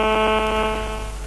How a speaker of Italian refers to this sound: Che cos'è questo rumore? No, mi sta squillando il telefono.